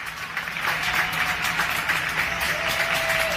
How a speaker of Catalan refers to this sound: Amb aquests aplaudiments, ara fa 6 anys, la ciutadania sortia cada vespre a la finestra, al balcó de casa, a donar les gràcies als sanitaris que ens estaven cuidant a totes i a tots, que feien tot el que podien per salvar vides